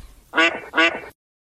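Two loud, nasal quacks from Pato Merlín, a famous duck, in quick succession, clear, with no voices around them, followed by silence.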